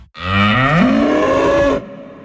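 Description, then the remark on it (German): A single long, loud cow moo in an advertisement for the animal-rights group VGT (Verein gegen Tierfabriken), a harmonic bellow rising in pitch partway through and holding steady for over a second before cutting off, with no talking. “Ob das ein Hilfeschrei oder ein Freudenschrei war, entscheiden Sie mit Ihrer Spende.”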